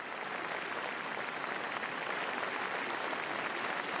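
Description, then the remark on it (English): Sustained applause from a large crowd gathered outdoors at the royal palace after a royal funeral service, as Queen Sonja and her family thank them, a dense steady wash of clapping at an even, fairly loud level with no voices standing out. “After the funeral service, his widow, you see her right there, Queen Sonja, she joined her family to thank the crowds who gathered at the royal palace.”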